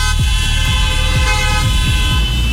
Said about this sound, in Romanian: Uite aici, claxoane peste tot, patru mașini adunate. Mulțumim.